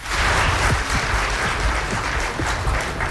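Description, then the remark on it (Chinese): Steady, dense applause from an audience at a traditional Chinese crosstalk performance, a continuous wash of clapping hands filling the whole stretch at a fairly loud level, with no one speaking over it. “感谢各位的掌声， 谢谢大伙儿”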